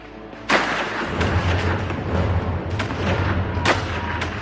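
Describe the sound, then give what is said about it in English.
Scattered gunshots crack out at irregular intervals in the mountains of Herzegovina in the summer of 1875, four or so sharp reports echoing over a continuous low rumble, open-air with no voices present. “In the summer of 1875, gunfire was heard again in the mountains of Herzegovina.”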